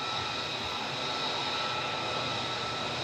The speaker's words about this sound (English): I hope you can still hear me. There is also some testing going on here on the base, so there is quite the loud engine of an F-35 here nearby.